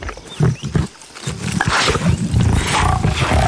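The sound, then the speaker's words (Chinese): Lions of a pride guarding their territory roar in a deep, rumbling series of low growls, overlapping and sustained throughout, loud and rough with no talking. “对牧笛和骏熊来说，只有守住领地，才能确保狮群的存续。”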